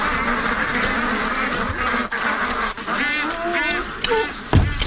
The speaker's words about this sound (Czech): Poslyšte, to jsem se vás chtěl zeptat, co je to tu všude za ptáky? Kachny. Jo, kachny.